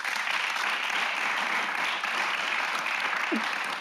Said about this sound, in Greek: Και με αυτό κυρίες και κύριοι, τεράστιο χειροκρότημα.